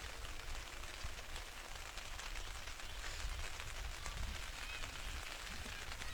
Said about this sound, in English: Is the rain starting to come down quite heavily now? Not going to be a fun walk back to the car.